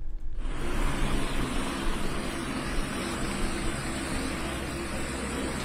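A helicopter arriving and landing in the capital of the state of Maranhão, Brazil: its engine and rotors roar steadily, a loud, dense rushing noise over a low droning hum that holds constant for several seconds, with no voices.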